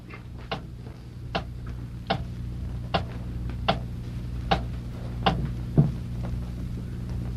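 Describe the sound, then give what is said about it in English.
A clock ticks steadily, sharp clicks spaced under a second apart, over a constant low hum with no voices. “Hey, the clock has stopped.”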